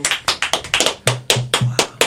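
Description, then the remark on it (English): An applause sound effect: a quick run of about a dozen sharp, crisp hand claps at an uneven, brisk pace, with a low steady hum under the last few claps and no talking. “I don't know what happened to my applause sound effect.”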